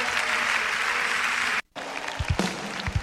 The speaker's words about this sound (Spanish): darle el mejor de los aplausos.